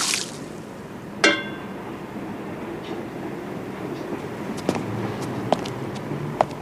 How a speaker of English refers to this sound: Outside at night, Seymour empties water from tin flower containers.